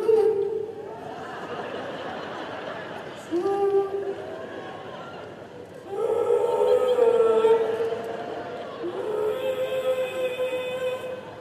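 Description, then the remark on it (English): A person lets out long, wavering howls like a dog, several drawn-out wails rising and falling in pitch, loud with no talking. “But I didn't start to weep. I started to howl like a dog.”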